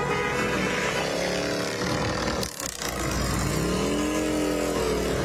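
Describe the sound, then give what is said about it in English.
About a dozen motorcycles ridden by veterans of the Legion Riders roar past in good riding weather, their pitch rising and falling as they rev, with a brief dip in the middle before the loud rumble builds again. No one speaks. “Here come the Legion Riders. Out in full force as usual.”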